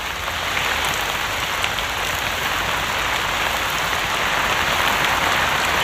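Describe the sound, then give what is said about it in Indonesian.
Steady, heavy rain pours down without pause, a dense hissing wash of drops drumming on a surface, with no voices over it. “Kalau hujan kayak gini kami ada takutnya.”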